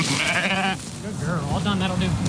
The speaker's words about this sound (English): is rounding up his sheep with the help of his border collie, Pearl.